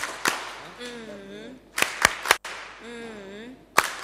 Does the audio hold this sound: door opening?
no